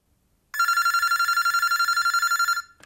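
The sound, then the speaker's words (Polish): A telephone bell rings loudly and continuously for about two seconds, a rapid bright trill of metallic strikes, then stops abruptly; no one speaks. “A dużo razy dzwoniłaś do mnie? Nie odbierałam?”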